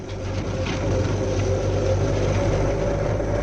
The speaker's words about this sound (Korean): 이게 비행기 소리가 아니오? 비행기가 아니고 저게 자동차 부대입니다. 저길 보십시오. 산 아래를 내려다보니 맞은편 산기슭에 난 큰 길로 열 바퀴짜리 대형 짐차 여러 대가 북쪽으로부터 남쪽으로 내려오고 있었다. 자동차 소리가 마치 비행기 소리처럼 들렸구만.